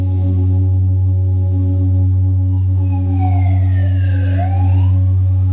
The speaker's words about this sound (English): Noticing if the siren comes into your consciousness, let it be there. Don't resist it. Don't grab hold of it. It comes and it goes.